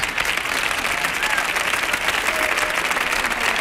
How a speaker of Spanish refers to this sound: Te aplaude uno, aplaudimos todos, ¿eh?